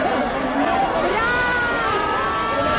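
A crowd of fans shouts and cheers continuously as Brad Pitt arrives at the María Cristina, a dense roar of overlapping voices with high excited calls and screams rising and falling throughout.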